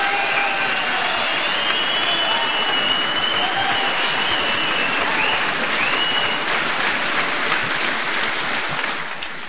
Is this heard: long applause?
yes